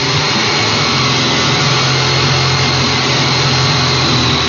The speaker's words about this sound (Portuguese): Essa aí, ó, é uma serra tico-tico.